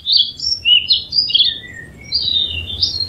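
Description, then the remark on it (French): A Réunion bulbul (merle Maurice) from Mafate sings a series of bright, warbling whistled phrases, clear, with short pauses between bursts over a faint low outdoor rumble. “c'est effectivement un Merle Maurice qui vient de Mafate”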